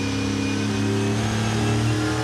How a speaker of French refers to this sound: Je relance cette Camaro de 1967. Et les premières sensations, c'est quel pied ce moteur, quoi. Bon V8, hein.